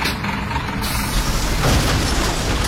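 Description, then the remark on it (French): A heavy garbage truck rumbles early in the morning as it collects the neighbourhood's communal bin and reverses because there is no room to turn around, its engine droning steadily while a sharp hiss of air brakes bursts out partway through. No voices are heard. “Puis c'est le camion qui vient les chercher.”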